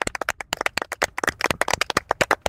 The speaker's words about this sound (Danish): Ja, jeg klapper altså også med herhjemme fra studiet.